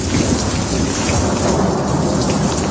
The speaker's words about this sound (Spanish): Son las típicas tormentas de verano como la que nos sorprendió ayer por la tarde.